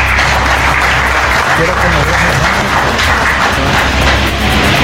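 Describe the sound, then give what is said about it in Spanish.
A crowd breaks into loud, sustained applause, dense clapping that fills the whole five seconds with a steady roar, with some voices mixed into the noise, welcoming mayor Walner Castro at the 191st anniversary celebration in Juticalpa, Olancho. “Fuerte los aplausos.”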